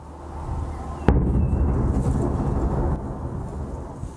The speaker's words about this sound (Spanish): Videos mostraron fuertes explosiones en el cielo y también a nivel de calle, mientras las defensas ucranianas intentaban responder al ataque.